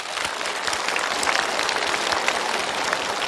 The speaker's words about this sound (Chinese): 这就是一个有尊严的父亲，我们为他鼓掌。